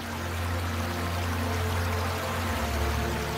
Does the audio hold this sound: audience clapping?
no